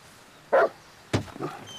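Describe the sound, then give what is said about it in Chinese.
A large wolfdog kept in a house courtyard barks twice in quick succession, loud, with a softer, shorter bark trailing after; no one speaks. “哎呀，可不是嘛，这我平时都不敢来，就怕他院里那条大狼狗。”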